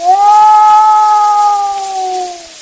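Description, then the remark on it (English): A wolf's long assembly call to go hunting, from the 1920 Edison cylinder recording The Hunting Wolves made by Ernest Thompson Seton: an unbroken howl holds a steady mid-high pitch and sags slightly toward the end, sounding loud over the constant hiss of the cylinder. “The long call that means, come, let us go hunting. That is their assembly.”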